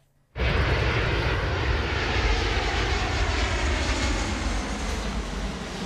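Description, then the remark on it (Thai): A large US Air Force military transport plane, one of two, roars in to land at an international airport in Beijing, China, its heavy engine noise kicking in abruptly after a moment of silence and holding loud and steady, with no voices. “เครื่องบินลำเลียงทางทหาร47 2ลำของกองทัพอากาศสหรัฐลงจอดที่สนามบินนานาชาติในกรุงปักกิ่งของจีนวันนี้ค่ะ”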